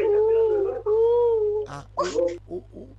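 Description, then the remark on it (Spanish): A person imitates a pigeon's coo, fairly loud: two drawn-out, wavering hoots followed by a few short, breathy bursts of sound. “¿Cómo hace la paloma?”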